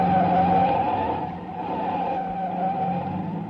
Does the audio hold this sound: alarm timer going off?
no